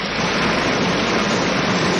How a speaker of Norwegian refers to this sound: Ja, det høres ut som en bekk, rett og slett. Vet du hva? Det du som har rett. Åh, ja! Dette er en bekk.